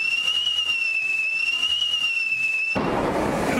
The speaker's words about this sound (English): Well, it's a fart. I mean, a firework. It's a firework.